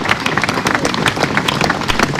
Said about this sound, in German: Sie hören es, der Applaus hielt lange an.